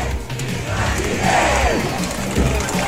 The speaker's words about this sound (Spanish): Llegar a lo que es la elipse del Parque O'Higgins, estaba en este Ford Galaxy, ha sido recibido con aplausos, con vítores por parte de la gente que está en este lugar, por parte de las diferentes autoridades políticas